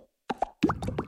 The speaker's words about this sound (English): This is an Aero. And this is the sound of its minty bubbles.